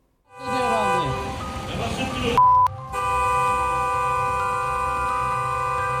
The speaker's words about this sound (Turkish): Yolun ortasına yattı, bana mısın demedi. Sürücü kornaya basıp kalkmasını söylese de kadın oralı olmadı.